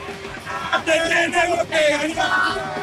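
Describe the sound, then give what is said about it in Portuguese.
A group of Argentine football fans shouts a rhythmic chant together, loud, their voices rising in several strong bursts over a couple of seconds. “Como é o grito?”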